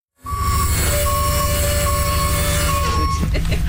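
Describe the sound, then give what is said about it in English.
A grocery bus wheelchair lift operating as a passenger is helped aboard: a steady, high mechanical whine over a loud, pulsing engine rumble that holds for about three seconds before giving way to a few clunks and rattles. “A few blocks away, we picked up a couple more ladies, one of whom needed a bit of an assist using the bus lift.”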